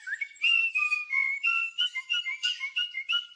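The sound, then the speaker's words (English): Birds singing a steady run of bright, high whistled notes, sliding up and down in quick repeated phrases for several seconds, with no voices present. “Oh, stop it, you naughty birds.”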